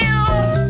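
A single loud cat meow, a sustained tonal cry with clear harmonics lasting under a second, heard on its own with no talking.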